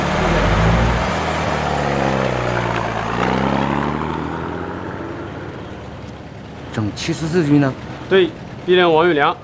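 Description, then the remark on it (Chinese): A truck engine rumbles and winds down as the vehicle slows to a stop at an inspection point, followed by a few seconds of voices speaking over the fading idle. “卡车停到这儿。”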